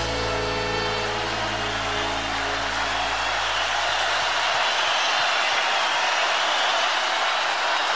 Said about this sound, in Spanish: Recibe el aplauso de la Quinta Vergara.